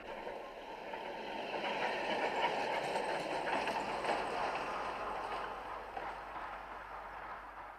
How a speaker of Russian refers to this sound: Второй трамвай идет.